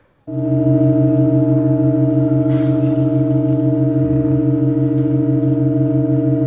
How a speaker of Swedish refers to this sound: Det vi hörde var historia som skrevs när världens längsta och långsammaste musikstycke igår gjorde ett mycket sällsynt ackordbyte.